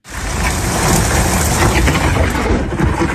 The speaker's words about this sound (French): De gros orages ont touché le département.